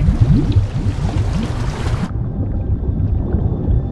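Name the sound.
water bubbling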